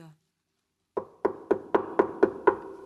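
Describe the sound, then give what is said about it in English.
Seven quick, even knocks rap on the wooden door of a treehouse, knocked by a great spotted woodpecker in a rapid, steady rhythm, each a hollow, resonant thud of equal loudness, following a brief silence. “Spotty thought that Frisky must be at home and desperately knocked on the door.”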